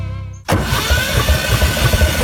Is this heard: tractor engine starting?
yes